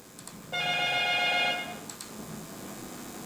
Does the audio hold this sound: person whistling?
no